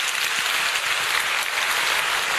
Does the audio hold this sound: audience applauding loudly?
yes